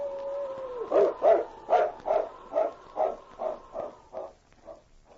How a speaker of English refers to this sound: A different howl, which he recognized as a distress call of the dog he looked upon as a mate